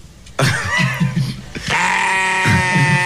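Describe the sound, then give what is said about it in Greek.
Sheep bleat loudly, two long, wavering cries one right after the other, each with a shaky, quavering tone and no talking over them. “Λευτέρη, κόψε τα πρόβατα.”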